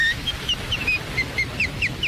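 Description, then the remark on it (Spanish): A whistled solo by American whistler a whistler, the first known recording of whistling: short, bright, high notes, some gliding up or down, repeated in a quick, lilting rhythm over the steady hiss and low rumble of a wax cylinder recording. “…, y grabó este solo en cilindro de cera.”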